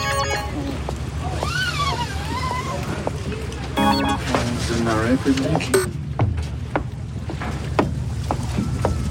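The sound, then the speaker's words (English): A steady low boat engine rumble and lapping water fill the scene at a busy dock in the morning, where a tour boat waits for passengers, with scattered knocks and clanks and faint, indistinct voices. “I'm down on the docks right now, waiting for all these people to come.”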